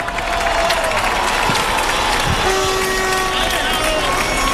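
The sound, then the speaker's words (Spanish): Steady applause from a large crowd at a World Cup victory celebration, a dense wash of clapping at a constant loud level, with cheering voices and a few whistle-like tones mixed in throughout. “A ver, ahí los aplausos ahora.”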